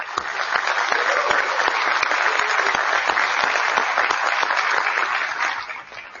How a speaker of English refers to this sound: So this time, let's have a round of applause for both of our candidates.